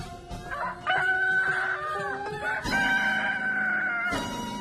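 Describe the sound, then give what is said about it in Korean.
A rooster crows loudly in two long, drawn-out calls, each a rising then sustained bright, strained cry, with a brief break between them and the start of a third at the end. “수탈개 울음소리를 들은 도깨비들은 벌벌 떨면서 무릎을 꿇고 싹싹 빌었어요.”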